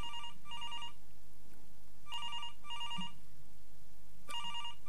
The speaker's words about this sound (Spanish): el teléfono de la cabina número uno comienza a sonar.